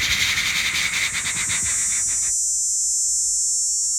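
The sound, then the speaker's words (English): A person imitates a superb dog day cicada's song with a buzzy, rapidly pulsing drone that stops abruptly after about two seconds, leaving a thin, steady high hiss. “I know the superb dog day. You want me to make that one? It goes...”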